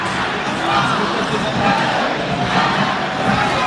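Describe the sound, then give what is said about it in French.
International referee Pierre Brousset's kick-off whistle, marking the countdown reaching zero for an ASM match, third against fifth, sounds over a loud, steady roar of crowd cheering that fills the whole stretch without letting up. “Le coup de sifflet pour accompagner le zéro de la part de Pierre Brousset et Harry Plummer qui donne le coup d'envoi de cette rencontre.”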